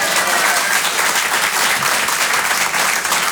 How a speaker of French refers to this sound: En général, ceux qui applaudissent, c'est ceux qui ont des gosses.